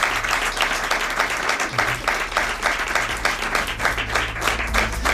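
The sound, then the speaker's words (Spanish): Sustained audience applause during a Radio Rioja broadcast, given for the station's staff, a dense steady wash of many hands clapping at once, loud and continuous for the whole stretch with no talking over it. “y sobre todo sin la ayuda de mis compañeros, ¿no?, de Radio Rioja, a quienes quería dar las gracias y un fuerte aplauso y abrazo.”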